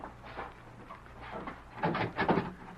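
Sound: door opening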